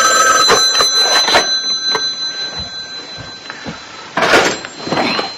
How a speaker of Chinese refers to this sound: 而此时他也正好被电话铃声吵醒。